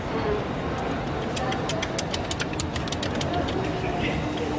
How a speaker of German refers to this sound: Ich kenne das so, dass mit dem Knopf hier oben kann man so ein bisschen die Lautstärke verändern. Es piept. Okay, ja, mittel, laut, noch lauter. Aber sonst passiert gar nichts, ne?